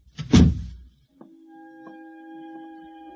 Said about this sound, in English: Close the kitchen door behind you.